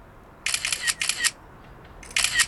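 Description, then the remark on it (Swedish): Bursts of rapid camera shutter clicks, three clusters of quick crisp snaps with brief pauses between, as photos are fired off in succession with a phone in the P4 Jämtland radio studio. No one speaks. “Nu har vi pepprat av några bilder.”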